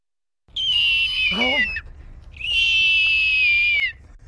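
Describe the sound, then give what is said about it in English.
A person imitates a hawk with two loud, shrill, drawn-out screeching whistles, each sustained and slightly falling in pitch, with a brief voiced break between them. “… of Falmouth imitating a hawk.”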